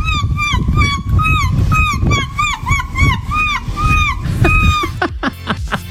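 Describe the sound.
A person imitates seagull calls: a rapid string of about a dozen high, arching squawks, then a few sharp closing yelps, all over a low rumble of crowd murmur.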